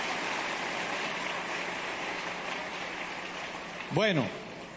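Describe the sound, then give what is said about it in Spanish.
A church audience of the Iglesia Comunidad Manantial de Vida Eterna applauds the King of Kings and Lord of Lords, clapping steadily in a dense, even wash of applause that holds throughout, with a brief rising-and-falling vocal whoop cutting through near the end. “Denle un aplauso al Rey de Reyes y Señor de Señores.”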